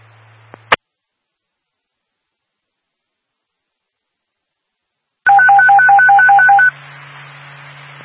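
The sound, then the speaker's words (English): A rapid run of two-tone pager alert beeps from the nightly pager test sent by station KZ272, South Hackensack Police, to the South Hackensack Fire Department: about eight pulsing pairs in quick succession over a steady radio hum, preceded by a sharp click and a long silence. “This is your nightly pager test.”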